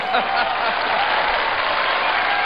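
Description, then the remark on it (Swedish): Steady, dense applause from a large audience at a Swedish comedy show, for Robert Gustafsson. It fills the whole stretch, a continuous loud wash of clapping with some cheering mixed in, no clear pauses or rhythm. “Applåder och jubel!”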